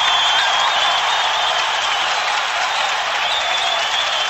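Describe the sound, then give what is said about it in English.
A hockey arena crowd cheers in a loud, sustained roar mixed with clapping as a Red Wings power play goal by Greg Johnson against the Sharks ties the game at 4, holding steady at full volume for the whole stretch with no voices standing out. “you will know by the sound of the crowd.”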